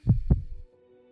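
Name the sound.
heartbeat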